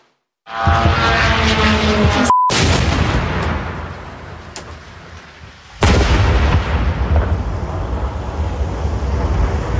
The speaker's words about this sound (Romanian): Coșmarul s-a dezlănțuit pentru locuitorii din Kiev puțin după ora 1 noaptea, când explozii au luminat cerul capitalei. Cea mai mare parte a loviturilor au fost interceptate, inclusiv cu ajutorul sistemului de apărare antiaeriană Patriot